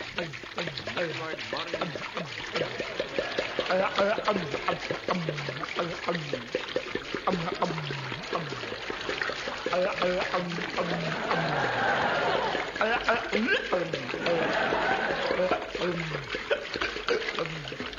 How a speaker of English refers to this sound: Now hold him down. I got his... Put this funnel in his mouth. Pass me that 5-gallon jar of alcohol. Taking precaution now. Pouring it.